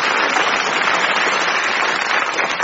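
A crowd applauds the comedians on a comedy quiz show, a dense, even wash of many hands clapping at a constant loud level throughout, with no one speaking over it.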